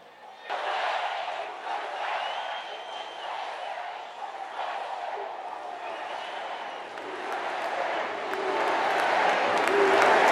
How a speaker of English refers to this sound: But barely minutes into his speech, the first of what appeared to be a coordinated line of demonstrators began shouting, stopping the president in his tracks.